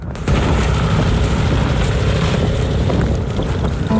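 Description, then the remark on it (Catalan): A snowmobile engine roars steadily in winter in Svalbard, a loud, continuous motor drone that starts abruptly and holds for the whole stretch, with some wind buffeting mixed in. “El vent és un dels sons dominants de Svalbard, l'altre, el de les motos de neu.”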